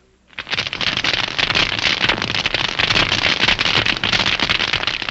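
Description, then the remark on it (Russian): Loud, dense crackling of tiny sea creatures on a rocky sea floor, picked up by a hydrophone: a steady fizz of countless sharp clicks that starts after a brief moment of quiet and holds without a break. No voices are heard. “Улавливает их громкую трескотню.”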